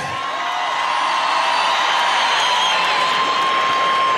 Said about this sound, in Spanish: Un aplauso por favor para todos ustedes, para todas las personas que se han sumado, que han donado, que han hecho que esta noche valga la pena, que estas ayudas logren llegar a cada una de las personas afectadas por esta situación.